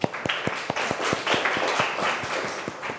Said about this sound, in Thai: กลุ่มไหนคะรับผิดชอบกลุ่มที่2นะก่อนอื่นปรบมือเพื่อนหน่อยค่ะ